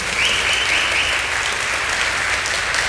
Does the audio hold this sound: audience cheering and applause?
yes